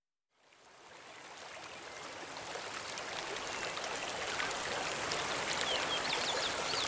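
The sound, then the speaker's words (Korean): A steady rush of the Seo River (Seogang) flowing at Cheongnyeongpo in Yeongwol fills the scene, a broad continuous wash that swells in after a brief silence and holds level, with a few faint bird chirps high above. “서강의 물소리와 절벽에 부딪히는 바람소리만이 그를 찾아왔다.”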